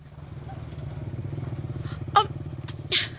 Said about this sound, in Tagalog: Sundan na to katong motor nga bago palang digikan. Sundan na to dong!